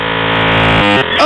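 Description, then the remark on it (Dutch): Loud dial-up modem static fills a brief burst as a connection to the internet is made over the phone line, a harsh buzzing hiss with layered tones that shift abruptly twice near the end. No voices are heard. “En dan had je die ruis.”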